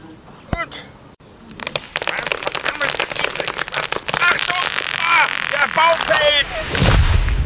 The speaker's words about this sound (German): Die Axt ist viel zu klein. Ich brauche ganze 3 Schläge, um einen Baum zu fällen.